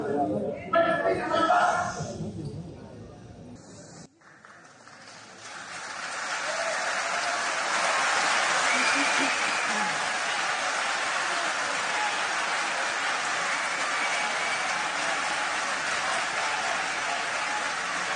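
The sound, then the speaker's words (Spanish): Opposition voices shout briefly at the start, then a large audience, including her party Fuerza Popular, breaks into loud, sustained applause for Keiko Fujimori as president of Peru, lasting over ten seconds, steady and dense without pause. “Bueno, ella parece molesta entonces cuando la oposición grita, pero los presentes entonces y también su partido, Fuerza Popular, la aplauden durante varios segundos, entonces una señal de apoyo a la presidenta de Perú.”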